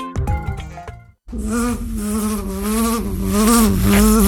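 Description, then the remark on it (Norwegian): A few short plucked tones give way, after a brief pause, to a loud, steady droning buzz of honeybees, queens, drones and workers in a bee garden at Vitengarden, that wavers slightly in pitch and keeps going without any talking. “Eller gå ut til dronninger, dronene og arbeiderne i biegaren.”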